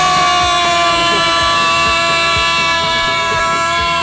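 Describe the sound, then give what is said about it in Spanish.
A loud, stuck vehicle horn blares nonstop, one steady unbroken tone holding for the whole stretch with a low rumbling thump pulsing underneath. “¡Se me trabó la bocina!”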